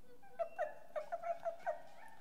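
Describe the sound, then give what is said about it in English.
A person imitates a little dog with a quick run of about seven short, high-pitched yips, fairly soft, with no talking around them. “Now, what is your best little dog sound?”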